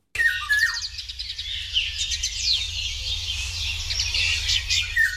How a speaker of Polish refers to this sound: Jeśli państwo nie mają świadomości, jak brzmi wilga, no to proszę wraz z komentarzem naszego pana Maćka.